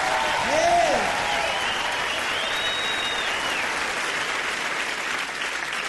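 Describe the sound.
Loud, sustained applause from a large crowd fills the whole stretch, a dense steady roar of clapping, with a few whistles and cheering voices rising briefly near the start.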